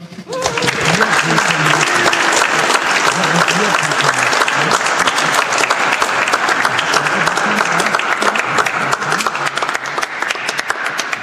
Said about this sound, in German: Noch einmal einen Applaus.